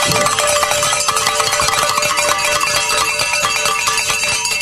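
A hand bell rings loudly and continuously, its bright metallic clanging repeating rapidly without pause for the whole stretch, with no voices over it.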